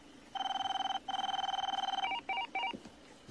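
A telephone rings with a rapid electronic trill: two long warbling bursts, then a few shorter chirping pulses, fairly loud over a quiet background, with no talking.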